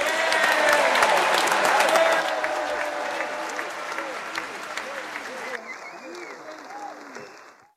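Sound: audience applauding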